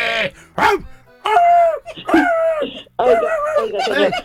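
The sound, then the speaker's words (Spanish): A person mimics a whimpering female dog in heat, producing four or five loud, high-pitched whiny cries with brief pauses between them, some rising and falling in pitch. “No, usted no se cree, no te rían, que se cree perrita. Ando en celo ahorita. Perrita.”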